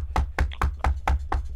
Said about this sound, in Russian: Ну, стучите. Я не знаю, что вы будете делать. Я стучу.